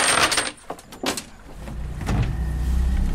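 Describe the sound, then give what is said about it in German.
A motorboat engine starts up on a lake: a few sharp clattering knocks, then a low rumbling drone swells and holds steady, fairly loud, with no one speaking. It is coach Philipp Krämer's motorboat, started as young canoeists put their canoes into the water. “Während die Jugendlichen ihre Kanus ins Wasser lassen und sich auf dem See in Position bringen, macht Trainer Philipp Krämer sein Motorboot los.”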